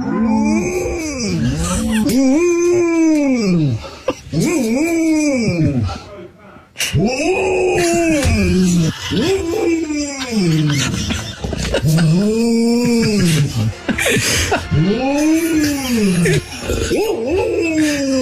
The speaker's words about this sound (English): She grew up in a house, and right next to the house is a field of cows. Yes. So she goes out there every morning, has a chat with them. She does, and they talk back. And so this is the dog who thinks she's a cow.